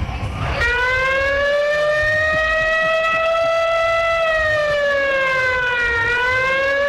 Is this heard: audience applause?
no